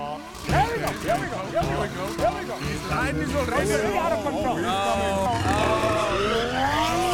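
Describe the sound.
A car engine revs and whines while tires squeal in rising and falling sweeps as the car drives to knock over as many bins as possible, loud, with excited voices chattering over the driving throughout.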